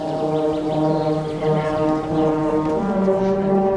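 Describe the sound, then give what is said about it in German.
Several hunting horns, played by horn players warming up under an old oak in the Dodauer Forst before a church service, sound together in sustained, brassy tones, overlapping notes held steadily at a loud level, forming a rich harmonic chord with slight swells throughout. “Unter der alten Eiche im Dodauer Forst spielen sich die Jagdhornbläser warm.”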